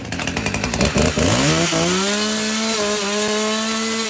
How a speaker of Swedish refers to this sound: han tog fram motorsågen på valvakan. I Högsby vet vi hur man kapar socialismen.